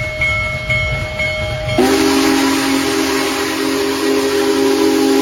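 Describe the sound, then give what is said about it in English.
Union Pacific's Big Boy, the world's largest operating steam locomotive, sounds its long, steady whistle over a low rumble while traveling through Northwest Indiana. The whistle abruptly shifts to a deeper, louder tone as the train passes amid a broad roar of rolling noise. “The world's largest operating steam locomotive, Union Pacific's famed Big Boy, traveled through Northwest Indiana last month on its way to the East Coast as part of a historic coast-to-coast tour to celebrate America's 250th anniversary.”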